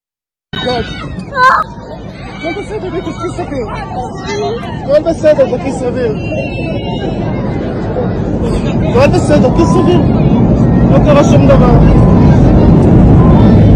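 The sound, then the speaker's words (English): A crowd of passengers murmurs and talks over one another inside an airplane cabin, huddled in brace position as the plane drops about 15,000 feet, with a steady low engine roar that grows louder toward the end. “Here's a video from some of the passengers in the plane.”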